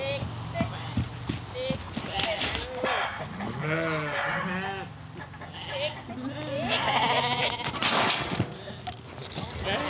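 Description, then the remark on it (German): A sheep bleats several times in loud, wavering cries while a man holds it and presses it onto its side and down to the ground, as is done for sheep shearing, amid shuffling and clattering hoof-like noises, with faint voices in the background. “hat das Schaf dann doch keine Chance.”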